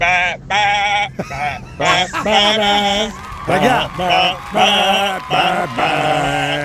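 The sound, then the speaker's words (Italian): A person imitates a sheep for a nativity scene, with a series of loud, wavering bleats, several quick nasal baa sounds in a row, with no other sounds around them. “Vabbè, dai, basta tergiversare, è ora di fare il presepe. Cominciamo con la pecora.”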